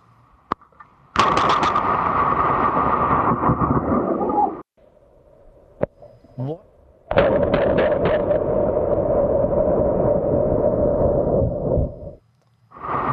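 A lightning strike hits with a sudden, explosive crack and a few seconds of harsh roaring rumble; a second equally loud crack and rumble follows moments later. The strike happened in New York.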